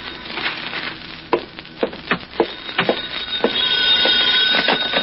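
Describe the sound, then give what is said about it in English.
A telephone bell rings on its own in a flat at 11 o'clock at night, preceded by a few sharp clicks and knocks, then a steady, fairly loud ring sustaining toward the end. “It was 11 o'clock that night when the telephone rang in my flat.”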